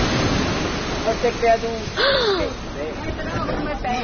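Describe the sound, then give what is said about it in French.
A loud, steady roar of a very rough, agitated sea in strong wind, with a heavier surge about halfway through, while voices exclaim and gasp over the churning water. “Voilà la mer. Et quelle mer! Très agitée, elle rugissait et le vent coupait le souffle, plaquait les vêtements contre le corps et soulevait les cheveux du front.”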